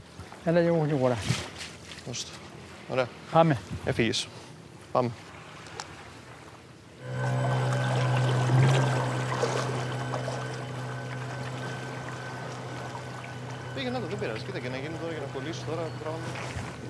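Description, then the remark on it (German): People talk briefly, then a small boat's motor starts a steady, humming drone with a low buzzing tone that runs unbroken to the end, with a voice returning faintly underneath, as the boat pulls a fishing line far out across the water, farther than an angler can cast. “Und dann zieht das Boot die Sehne weit raus.”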